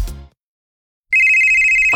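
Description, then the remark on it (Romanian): A telephone rings loudly after a short silence, a steady, high-pitched electronic trill that holds for nearly a second; a brief fading sound comes before the quiet gap. “Hei, te sună marea.”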